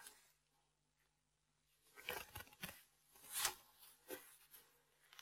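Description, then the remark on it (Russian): A cellophane plastic bag is handled, giving off several bursts of crinkly, rustling noise over a few seconds, loud in moments and then quieter, with no one speaking. “И для того, чтобы у нас не намок шарфик, мы целлофановый пакетик используем.”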